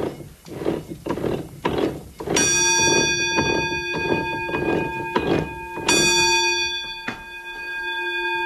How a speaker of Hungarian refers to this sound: De előbb meghallottuk a vízikeréknek a szapora zaját, mint a csengőt.